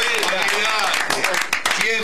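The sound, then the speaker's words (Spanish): A burst of applause with steady, dense clapping, mixed with voices cheering and shouting over it, loud and sustained for about two seconds. “Vamos con un aplauso.”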